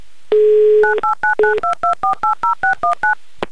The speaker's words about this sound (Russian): Я набираю ваш номер телефона.